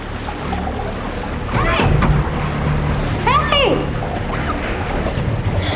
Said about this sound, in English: She looks down and notices that water is starting to fill a glass box that she is trapped in.